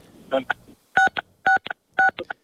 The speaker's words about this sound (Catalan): Ens estàs, amb la teva galta entenc que estàs picant tots els botons possibles del telèfon.